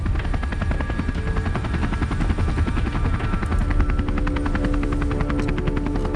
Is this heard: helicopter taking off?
yes